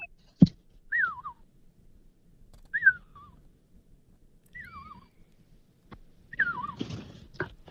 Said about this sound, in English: Yeah, they every morning when I put them back out into their enclosure, and then I pick them up in the afternoon, I can whistle to them. Oh, whistle! And can you whistle to them now